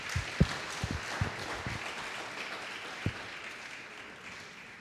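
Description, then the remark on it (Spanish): An audience applauds the Lord: dense, steady clapping from many hands, with a few sharper thumps early on, holding at moderate loudness before easing slightly at the end. No one speaks. “Dile un fuerte aplauso al Señor.”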